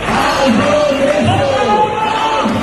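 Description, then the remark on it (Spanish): A crowd of protesters in Madrid, heading from Sol toward the Congress, shouts and yells continuously, voices overlapping in a loud, steady roar, with a bright jangle of house keys being shaken throughout; they carry placards demanding decent housing and the expulsion of vulture funds. “Llevan carteles reclamando la expulsión de fondos buitre, una vivienda digna, agitan entre gritos las llaves de casa.”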